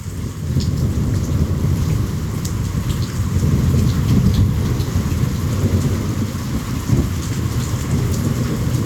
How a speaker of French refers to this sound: On peut écouter le son de la première pluie de l'année et de l'orage à Ouidou.